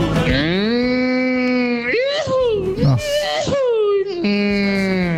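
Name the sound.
truck horn honking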